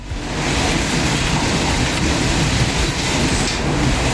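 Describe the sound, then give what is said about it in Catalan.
Hailstones up to 5 centimetres pelt down hard and steadily during a storm in the Cerdanya, Catalonia, a dense, loud clatter of countless impacts bouncing off surfaces, with a constant roar underneath and no voices. “Escolteu com queia la pedra i com rebotava.”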